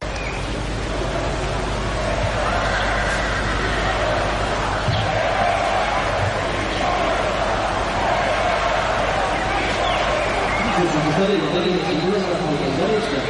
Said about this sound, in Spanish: Bueno, pues con gritos que se escuchaban desde la distancia en contra del presidente del Gobierno, arrancaba ese desfile.